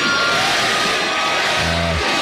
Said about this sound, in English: Crowd started chanting, Granny, Granny, as she crowd surfed for about a minute at the Rock the Country Festival in Texas